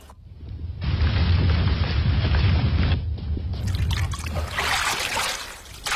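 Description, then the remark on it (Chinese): Washed rice is poured into bubbling water in a wok over a wood fire: a dense, rushing pour, loud, runs for a couple of seconds, pauses briefly, then gives way to bubbling, hissing churn as the rice tumbles in the boiling water under the lid. No one speaks. “锅里的清水烧至冒泡，倒入洗净的大米，柴火添旺，盖上锅盖，大米在沸水里尽情地翻腾。”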